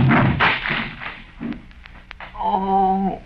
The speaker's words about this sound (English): Well, I don't know about that, but you threw me too hard, Cedric. Look there, you broke Lum's chair all to pieces.